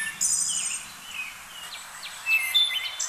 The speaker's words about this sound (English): not only are birds beautiful, some of them have really great songs. So you should have a link there for the wood thrush.